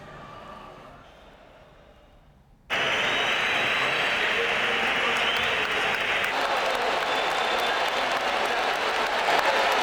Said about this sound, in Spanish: Lo están escuchando algunos pitos, pero muchos más aplausos en San Mamés para sus 3 campeones del mundo con España. Han salido al campo con la Copa del Mundo. Un sector de la grada los silbaba, pero la mayoría los ha recibido con aplausos.